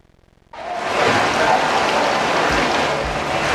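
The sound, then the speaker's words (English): Really heavy rain bursts in after a brief quiet moment, a dense, steady hiss and roar that stays loud throughout, with no voices. “is the sound of really heavy rain.”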